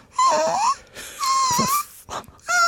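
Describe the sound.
A person doing a voice exercise imitates a whimpering puppy with a few high, thin, wavering whines, nasal and breathy, in short bursts separated by brief gaps.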